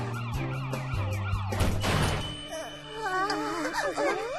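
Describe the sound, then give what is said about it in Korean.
The wailing siren of an approaching police car rises and falls over a busy musical bed, with a loud crash-like burst midway before the sweeping siren tones continue, prominent. “신고도 안 했는데 벌써 경찰차가 온다고?”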